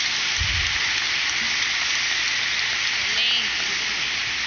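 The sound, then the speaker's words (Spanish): A crowd applauds at a Santiago Apóstol celebration in a cathedral, in a dense, steady wash of clapping that holds at an even, fairly loud level for several seconds, with a brief low thump early on. “Muy bien, fuerte el aplauso de nuevo.”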